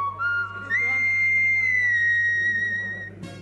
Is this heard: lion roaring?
no